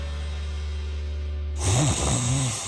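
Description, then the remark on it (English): A low, steady hum gives way to a loud snore, a rough rasping breath with a rising and falling tone, followed by a second snoring breath. “At Mattress Firm, we understand there are many problems that can keep you up at night, like snoring, aches and pains, or sleeping hot.”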